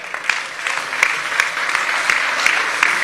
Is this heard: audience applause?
yes